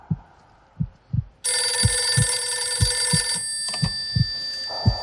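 A loud electric telephone bell rings continuously for a few seconds over a steady, rhythmic heartbeat thumping in the background, with no one speaking.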